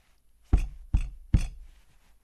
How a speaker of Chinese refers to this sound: 这时敲门声突然响起，大师眉头皱了皱，平日里除了唐三，根本没有人会到他这儿来啊。